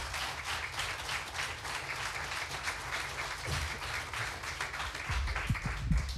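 A crowd applauds steadily to welcome the second finalist of a competition final to the front, a dense patter of many hands clapping at an even level, with a few louder low thumps and cheers rising near the end.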